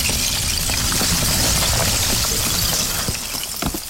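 A steady wash of the flowing Kuskokwim River fills the scene, dotted with many quick, bright clinks and knocks as chunks of ice carried by the current bump together, continuous, with no voices.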